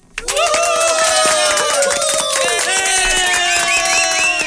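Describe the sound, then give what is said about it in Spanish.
Loud audience applause erupts after a brief pause and holds steady for about four seconds, dense clapping mixed with shrill whistles and horn-like tones from an excited crowd, greeting Nils Olsen as he is announced as candidate for mayor of Ambato. “Damas y caballeros, para alcalde de Ambato, Nils Olsen. Un aplauso.”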